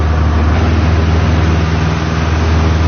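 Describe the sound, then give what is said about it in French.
A very small, extremely light propeller plane of the Beauvais-Tillet aeroclub at Beauvais roars through its takeoff, needing very few metres of runway: a loud, steady engine drone with a low droning hum and broad rushing noise heard from inside the cabin, with no voices. “c'est vraiment un tout petit avion, extrêmement léger, il a fallu très peu de mètres pour décoller. C'est très bruyant dans la cabine.”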